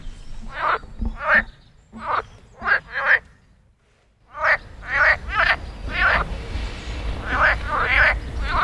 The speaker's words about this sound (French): Au printemps, les grenouilles se réveillent, c'est la saison des amours.